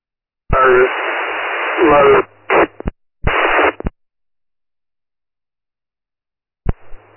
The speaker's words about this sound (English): I just copied your unit number. Traffic was broken up, covered in static.